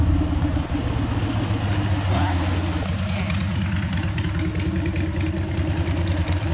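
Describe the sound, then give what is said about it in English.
Motorbike engines idle in a steady, rumbling drone in the small town of Mingala, a rest stop where motorbike enthusiasts gather at the pub, the low throb continuous and loud throughout with faint background activity mixed in. “Melanie Ison from Charters Towers has been visiting Mingala with her husband on their motorbikes for the past 7 years.”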